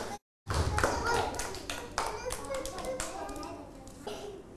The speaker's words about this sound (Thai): เอาปรบมือ